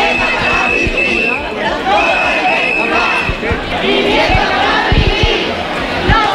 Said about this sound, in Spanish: La manifestación, convocada por diferentes colectivos sociales y antidesahucios, salió de Ciudad Jardín, llenó la plaza del Ayuntamiento de Córdoba y en capitulares, con miles de personas concentradas, clamaron contra la especulación y los desahucios